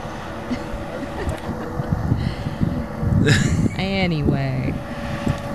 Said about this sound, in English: It's a little windy. Can you hear me? It's fine, though.